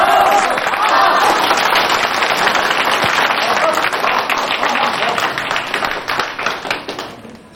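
A crowd of people claps steadily for several seconds to welcome a speaker being introduced, a dense, loud patter of many hands that gradually thins and fades toward the end.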